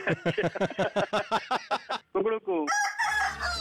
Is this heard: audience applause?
no